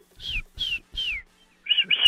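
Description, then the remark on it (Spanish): Three descending high whistles, evenly spaced, imitate a chick's chirp, followed by two shorter, rougher high chirps at the end. Soft low rumbles sit beneath the first whistles; no one talks. “A ver, chíflale otra vez. Pío, pío.”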